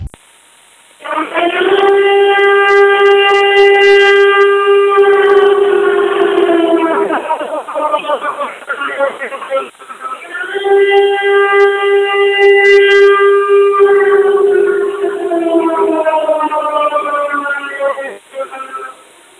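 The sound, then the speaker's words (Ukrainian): A loud air raid warning siren wails in two long cycles, each holding a steady tone before sliding downward, with a faint hiss behind it and no voices. “Увага, громадяни, повітряна тривога, жовтий рівень загрози.”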